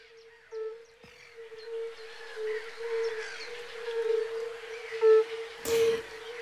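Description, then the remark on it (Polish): A chorus of fire-bellied toads gives soft, mournful, low hooting notes that overlap into a steady drone, with faint higher chirps behind and a brief burst of rustling near the end. “Powiem szczerze, że ja ilekroć słyszę kumaki, to czuję taki smutek i nostalgię w tym głosie.”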